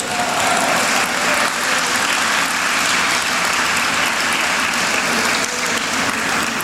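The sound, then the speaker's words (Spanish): An audience applauds for Christ Jesus, a dense, continuous wash of many hands clapping at an even loudness for several seconds, with no voices standing out. “Dale un aplauso a Cristo Jesús.”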